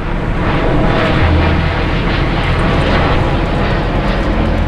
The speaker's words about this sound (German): Das soll weniger werden hier. Weniger Flugzeuge, die über den Ort fliegen, so sehen es neue Pläne von Fraport und Deutscher Flugsicherung vor.